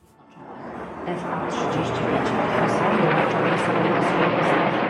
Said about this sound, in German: Kampfjets donnern über das Warschauer Zentrum. Tausende bestaunen am Weichselufer die Flugeinlage. Über Lautsprecher erklärt eine Moderatorin den Flugzeugtyp. Es sind F-35, einige der weltweit modernsten Jets.